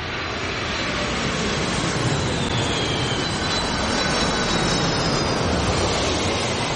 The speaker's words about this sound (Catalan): Es passen el dia mirant com s'enlairen i com aterren els avions.